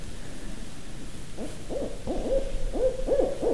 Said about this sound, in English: And it's not going to stop because it thinks there's another owl here.